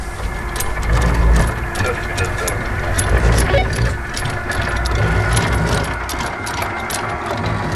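An anchor chain rattles out from a boat in a steady metallic clatter of rapid irregular clanks over a continuous low engine rumble, lasting the whole stretch without pause.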